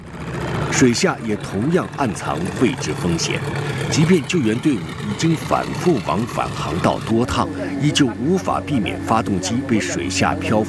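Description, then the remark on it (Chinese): A rescue boat's outboard engine runs steadily, a continuous droning hum with slight pitch shifts, as the boat travels through floodwater among flooded villages, while several people talk over it throughout. “水下也同样暗藏位置风险，即便救援队伍已经反复往返航道多趟，依旧无法避免发动机被水下漂浮电线、塑料编织袋、渔网杂物缠绕的险情。”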